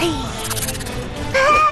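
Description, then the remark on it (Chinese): A rattlesnake's dry, hissing rattle buzzes steadily, pulsing briefly louder, before a high, wavering voice-like cry of a baby, coming from a hole, cuts in at the end. “响尾蛇的声音， 难道是响尾蛇要伤害小宝宝，所以小宝宝才哭的？”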